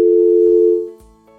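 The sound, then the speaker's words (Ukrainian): A steady electronic telephone line tone hums loudly on an incoming call from a caller who does not take part in the conversation, then fades with a couple of soft clicks, leaving a quieter lingering tone; no one speaks. “Не знаю, хто телефонує на номер 050 і потім не бере слухавку, ой, не приймає участь в розмові.”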